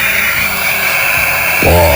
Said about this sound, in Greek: Ένα θηρίο ολόκληρο ρε παιδί μου. Ποβερό αεροπλάνο.